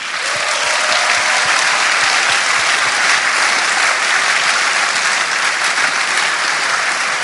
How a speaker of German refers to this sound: Ein großer Applaus!